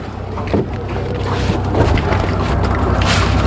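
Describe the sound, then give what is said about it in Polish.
A boat's engine hums low and steady, with rushing water and wind noise building slightly as the craft gets under way after people board it; no one speaks. “Wchodzimy na łódkę i będziemy ruszać.”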